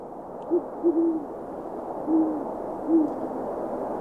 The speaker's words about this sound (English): A gentle little owl call for you for a owl that is not particularly gentle. That is a great horned owl. They have just kind of a very calm, soft hoot.